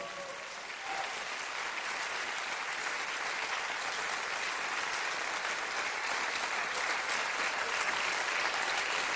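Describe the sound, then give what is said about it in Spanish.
An audience breaks into sustained applause for Jesus, a dense wash of clapping that holds steady and swells slightly toward the end, with no voices standing out above it. “¿Cuánto dan un aplauso a Jesús?”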